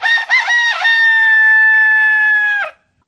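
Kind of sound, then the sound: bird, rooster crowing loudly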